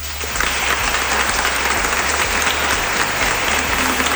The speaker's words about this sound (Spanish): Pues ahí está la ovación también de los miembros presentes en esa gala del Reconquista, en esa sala del Reconquista, mejor dicho.